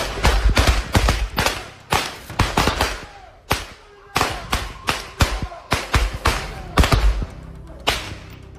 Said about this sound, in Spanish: Los aprovechados le colocaron una serie de petardos y palomitas explosivas en los pies al vagabundo, conocido en el barrio por ser veterano de guerra y, obviamente, con el trauma postraumático, se tiró al piso creyendo que era una emboscada